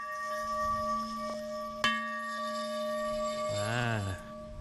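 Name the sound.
temple bell being struck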